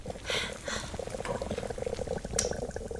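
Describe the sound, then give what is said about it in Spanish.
A stovetop coffee pot bubbles and gurgles steadily as it slowly heats, a busy stream of small pops and sputters, with one brief sharper hiss near the end. “Siempre es lo mismo, se calienta muy lento. Tendré que regalarte una cafetera eléctrica.”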